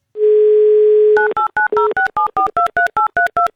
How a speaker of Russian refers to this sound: наберем ее на номер.